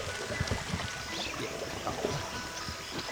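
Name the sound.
flowing river water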